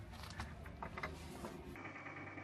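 A series of wooden clicks, knocks and scraping rattles as a caretaker carefully works a door bolt with an old wooden key, opening a room among the collapsed houses of a village, ending in a steadier grinding creak. No one speaks.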